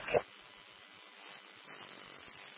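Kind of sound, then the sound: human body sound, sneeze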